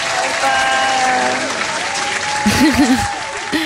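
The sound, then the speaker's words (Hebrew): Sustained audience applause, a dense wash of many hands clapping at steady volume, with a voice briefly breaking through near the end. “כפיים כל הדרך.”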